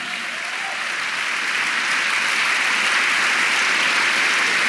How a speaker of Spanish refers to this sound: Vamos, dele un aplauso al Señor.